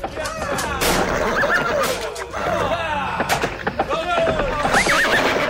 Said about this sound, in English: and pretty soon there started to be a dust cloud raising in the distance. He started to hear the sound of horse hooves thundering on the ground. Pretty soon, he could hear the shouts of wild men approaching him.